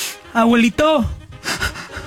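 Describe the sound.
A voice imitates snoring with two drawn-out, buzzy vocal snores, the first steady and the second sliding downward, followed by breathy, airy exhales.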